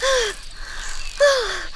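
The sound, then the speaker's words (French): Two breathy, voiced gasps about a second apart, each a short falling whine over airy breath noise, fairly loud: the panting of a dragonfly, in shock and out of breath after narrowly avoiding a car, now stopped on a leaf. “Elle est sous le choc et essoufflée.”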